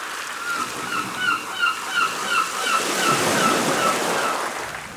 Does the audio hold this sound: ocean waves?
yes